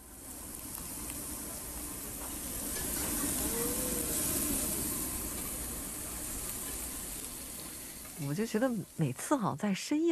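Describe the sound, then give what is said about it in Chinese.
Meat sizzles on a barbecue grill while being grilled with friends at the final barbecue meal of a trip, a steady, dense crackling hiss that swells slightly midway, with people's voices chattering toward the end. “没错， 这个有没有一点点烤肉的刺刺啦啦的声音呢？ 有，当然有，跟朋友一起烤的声音。”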